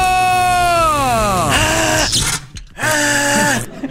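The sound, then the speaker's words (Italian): A loud, drawn-out scream slides downward over a harsh electrical buzz from an electric chair shock, breaks off briefly, then a second buzzing burst and cry follow, intense. “Per questo si becca una bella scossa dalla nostra sedia elettrica.”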